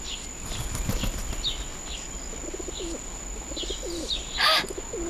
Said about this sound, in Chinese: 鸽子，哦，你们看，有一只鸽子。哎，这不是金伯伯家的吗？